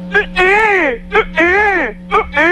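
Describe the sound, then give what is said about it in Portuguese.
A voice imitates a baby crying: three loud wails in a steady rhythm, each a short catching sob followed by a long, rising-then-falling cry. “A choro feio da”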